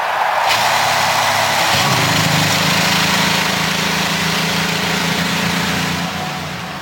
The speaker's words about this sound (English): And the field of 33 roars to life as we get ready for the 108th running of the Indianapolis 500-mile race.